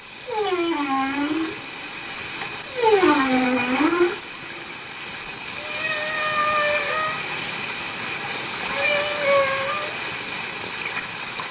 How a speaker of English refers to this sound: From our clifftop posse, we can hear the hissing, sighing, and the incredible singing as these huge marine creatures communicate.